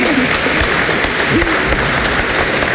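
Steady, dense applause from a group, loud and continuous throughout, with a faint voice briefly audible beneath the clapping.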